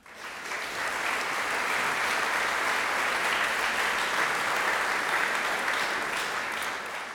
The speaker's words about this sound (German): Einen großen Applaus für alle, die hier mitgemacht haben und die Sie hier heute Abend hören werden, denn wir wollen in den Olymp reisen gemeinsam.